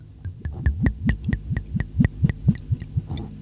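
Moscatel Origen dessert wine from the Pepe Mendoza winery glugs out of a bottle into a glass in a quick, steady series of hollow gurgles, about a dozen pulses, with no talking.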